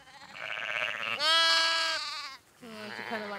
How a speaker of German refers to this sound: Doch heute entdeckt sie doch noch ein frisch geborenes Lamm, das nach seiner Mutter schreit.